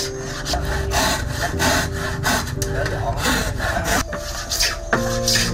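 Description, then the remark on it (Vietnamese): Steady back-and-forth hand sawing through wood in a carpentry workshop where wooden horses are made, each rasping stroke repeating in a fairly even rhythm, with some rubbing and scraping of timber mixed in and no talking. “Còn bây giờ nó thành xưởng mộc, nơi hàng ngày làm ra những con ngựa gỗ tiếp theo”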